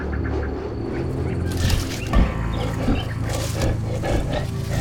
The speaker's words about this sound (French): Quoi ? Mais, ma foi, un lion !